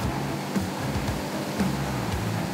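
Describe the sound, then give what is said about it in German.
A fire truck, its tanks holding 12,500 litres of water and 800 litres of foam, is tested spraying a continuous water stream: a steady, continuous rush of spraying water hisses evenly throughout, with a low engine rumble running underneath and a few faint clicks; no voices are heard. “Einmal nach oben drücken, gibt der Dauerwassermarsch.”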